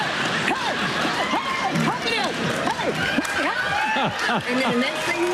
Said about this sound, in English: And I would start with a side-to-side step clap, right? And you side-to-side step clap with me.